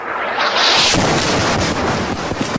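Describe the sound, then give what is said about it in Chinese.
A huge explosion from an Israeli airstrike erupts as a reporter and camera operator prepare a live broadcast, a distorted, roaring blast that rumbles and crackles for a couple of seconds before the sound cuts off abruptly into silence as the signal is lost. “在低头等待时，空袭突然发生。”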